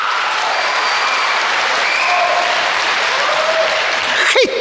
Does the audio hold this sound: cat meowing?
no